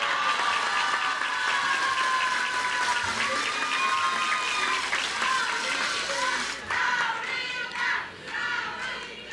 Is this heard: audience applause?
yes